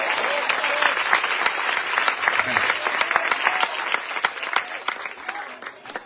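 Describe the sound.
A church audience breaks into loud, sustained applause for the Lord, dense overlapping claps filling the whole stretch, with a few louder individual claps standing out and a faint murmur of voices underneath.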